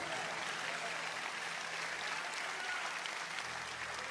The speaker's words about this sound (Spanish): Dale el aplauso al Señor.